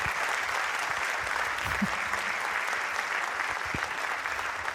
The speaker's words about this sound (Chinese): 谢谢大家，满满的掌声，谢谢。